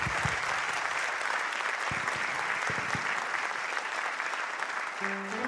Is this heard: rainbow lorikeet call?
no